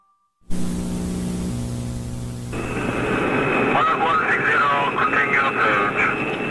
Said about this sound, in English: A jet prepares to land at a busy airport.